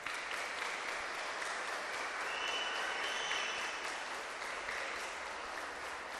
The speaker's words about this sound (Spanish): Y ahora sí quisiera que le dieran un fuerte aplauso a su catequista